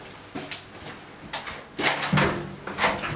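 A heavy cell door at a youth prison in Eidsvoll, Norway, scrapes and slams shut, followed by several metallic clunks and a brief high squeal as the lock engages; the door cannot be opened from the inside. No one speaks.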